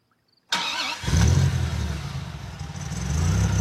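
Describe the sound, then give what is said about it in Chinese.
After a moment of silence, a car engine outside a window cranks and turns over, then settles into a loud, steady rumble that swells slightly toward the end. No voices are heard. “窗外传来了汽车发动的声音”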